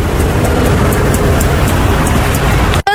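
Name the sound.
road traffic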